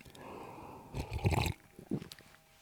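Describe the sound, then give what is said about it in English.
Loud, exaggerated slurping of an iced oat milk latte: a long gurgling suck through a straw, then a shorter second slurp, with no talking. “So let's go again with the exaggerated ice latte with oat milk slurping situation.”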